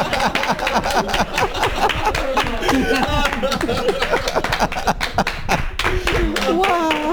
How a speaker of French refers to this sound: Ah non, il faut applaudir là, pour la radio.